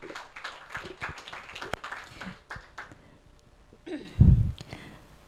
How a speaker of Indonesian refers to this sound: Boleh dong tepuk tangan untuk Kepala Stasiun RRI Sibolga.